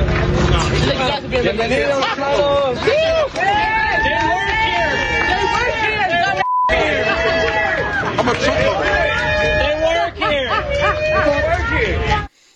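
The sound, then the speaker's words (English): A large protest crowd at an ICE facility cheers and shouts loudly at employees leaving through the fence, whom they assume are illegal immigrants, dozens of overlapping voices continuous for the whole stretch, with a brief break near the middle. “So the crowd started to cheer them, assuming they were illegal immigrants.”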